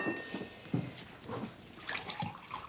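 Water is poured into a glass, a short splashing, gurgling trickle with bright liquid tones lasting a couple of seconds, fairly quiet and with no one speaking.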